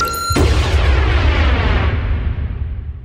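A loud explosion bursts in after a brief high tonal note, then a deep rumbling roar with crackling debris slowly fades, opening a song.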